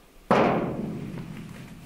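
A single loud knock on a door, a sharp thud that hits suddenly and then rings out and fades slowly over more than a second. No voices are heard.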